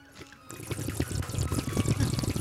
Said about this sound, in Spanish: Un aguacero. ¿Y tú cómo sabes, mami, que así se escucha? Un aguacero.